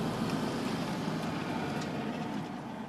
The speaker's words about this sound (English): God, it's a good tractor.